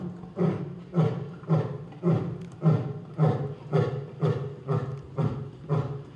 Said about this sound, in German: Der markiert jetzt sein Revier, das Löwenbrüllen. Ja. Das ist akustische Markierung, sagt man ja.